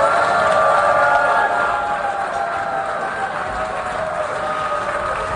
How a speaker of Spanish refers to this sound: Así ha reaccionado el plenario con abucheos cuando Benjamín Netanyahu ha subido a la tribuna para pronunciar su discurso.